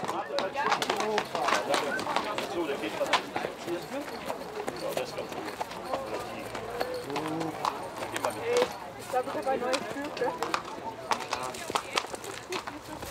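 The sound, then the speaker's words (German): Racehorses' hooves clop steadily on a hard surface at a walking pace as the horses stretch their legs after a long journey, a continuous run of crisp knocks with a murmur of voices and outdoor bustle behind them. “um sich heute um die Schleusner Pferde zu kümmern”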